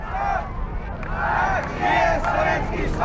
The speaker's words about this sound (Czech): Lidé skandují Gagarin, Gagarin.